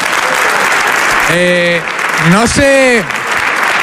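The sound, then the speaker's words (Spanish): Dense, steady audience applause at a comedians' talk show fills the whole stretch, loud, while a couple of voices call out briefly over the clapping. “Un aplauso para vosotras, hombre.”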